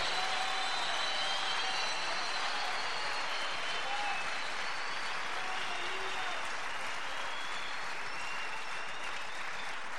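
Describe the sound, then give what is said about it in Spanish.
An audience applauds steadily throughout, a dense, loud wash of clapping with no pauses, with faint voices and cheers mixed in beneath it. “¿Por qué tenés miedo de aplaudir si el Espíritu te está moviendo?”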